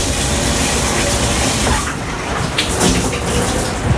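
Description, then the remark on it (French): Steady, loud rush of running water from a shower used to rinse off before an in-water cycling session, a dense continuous hiss with a few brief splashes and clatters partway through. “Passage par les douches, c'est obligatoire pour bien se rincer et surtout confondre peut-être l'eau et la transpiration qui arrive.”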